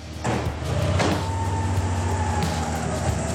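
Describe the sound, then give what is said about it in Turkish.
The engine of an Integrale car, which had sat unused for 10 years and needs valve adjustment, runs steadily with a low, throbbing rumble and rhythmic pulsing on a test drive to a workshop 300 metres away, rising briefly in a revving surge before settling back to a continuous drone. No one speaks. “Bu yüzden Chris sadece 300 metre uzaktaki tamirhaneye kadar bile olsa deneme sürüşü yapmayı atlamıyor.”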